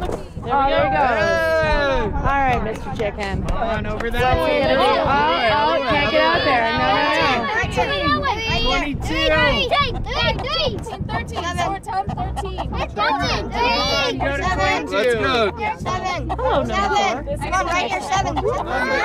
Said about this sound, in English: The sounds of chicken bingo at the Aspen Historical Society Holden Merle Toedown.